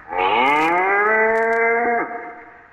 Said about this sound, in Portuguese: Foi quando surgiu o velho sertanejo à frente de uma manada de 50 cabeças de gado que ele fora buscar.